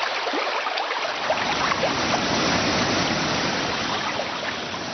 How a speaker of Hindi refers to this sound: साथियों, पेड़ कटे तो गर्मी बढ़ी, गर्मी बढ़ी तो पर्वतों के ग्लेशियर पिघलने लगे और फिर पहाड़ों से जल का भारी सैलाब नीचे की ओर आने लगा।